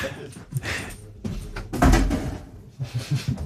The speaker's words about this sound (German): Ich muss schnell die Tür zumachen, da raus reden Leute durch.